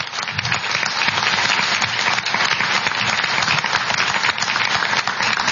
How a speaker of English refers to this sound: I think they've both done a great job. We can give them a round of applause now, even though it's breaking the rules.